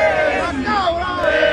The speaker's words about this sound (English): Because if you remember the Thor, God of Love and Thunder, or whatever that offshoot was that was directed by Taika Waititi or Waititi, they had screaming goats, and it turns out goats do scream.